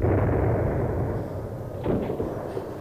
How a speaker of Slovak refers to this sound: Strieľajú.